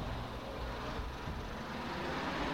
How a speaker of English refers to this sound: Oh, here's the bus here.